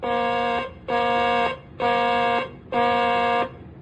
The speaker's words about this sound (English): Ready on the warning alarm. Testing flight deck warning alarm. Testing flight deck warning alarm. This is a test.